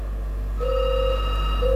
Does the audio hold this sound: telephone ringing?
yes